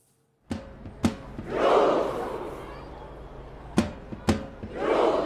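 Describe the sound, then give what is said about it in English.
A huge crowd of tens of thousands of football fans in Oslo, Norway, welcoming Norway's national team home, cheers in rhythm: two sharp, booming claps, each pair followed by a loud, swelling roar of voices, repeated twice with no talking over it. “Tens of thousands of fans gathering there in Oslo to welcome the team home.”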